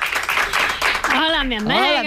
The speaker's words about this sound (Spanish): un aplauso para ella. ¡Amiga!